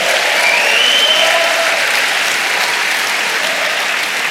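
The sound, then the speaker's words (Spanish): An audience claps and applauds for the Lord steadily and loudly, a dense wash of hand claps from start to finish, with faint cheering voices rising briefly near the beginning. “Dele palmas al Señor.”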